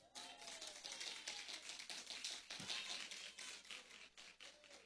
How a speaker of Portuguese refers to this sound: É para que essas palmas, gente?